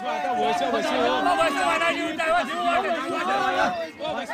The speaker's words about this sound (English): cheer as they gather along the banks of the spring, facing each other from opposite sides